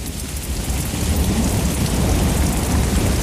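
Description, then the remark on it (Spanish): A steady downpour of rain with a deep, rolling rumble of thunder underneath, loud and continuous throughout, with no voices present. “Tras la tormenta, porque nada de lo humano nos es ajeno.”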